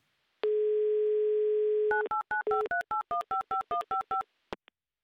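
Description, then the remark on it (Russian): A steady dial tone hums for about a second and a half, then a quick run of about eleven short, evenly spaced two-pitch touch-tone beeps as the radio station Humor FM dials a listener in the city of Oryol during its live on-air game 'Car for a Smile', ending with a couple of clicks. “И вот сейчас в город Орел мы звонить и будем.”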